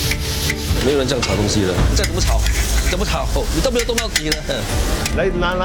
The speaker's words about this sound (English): 没有人这样炒东西的，再怎么炒，你都没有动到底了。来拿下来，不是这样的。